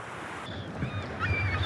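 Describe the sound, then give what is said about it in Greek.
A soft, steady wash of sea waves hisses along without clear breaks, with a few thin, high chirping tones drifting over it. No one speaks. “Ακούς τη θάλασσα? Μας ψιθυρίζει σιγά.”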